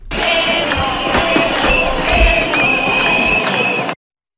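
A dense, continuous roar of a teachers' street protest march in central Valencia, at the doors of the police-guarded Corts parliament, with shrill whistles blowing in long sustained tones above a constant wash of many voices, steady and loud for about four seconds before cutting off.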